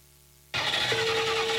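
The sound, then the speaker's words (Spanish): After a brief silence, a car engine suddenly cranks with a loud, grinding whir that keeps straining without catching, a steady whine rising partway through. “Es que fíjate que me vine al salón y no me arranqué el carro.”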